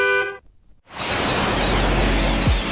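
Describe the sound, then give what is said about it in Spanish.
A short, bright car horn honk opens, followed by a brief pause, then a loud, steady rush of engine and road noise as a vehicle speeds away. “Ven, estrena tu coche y sal pitando.”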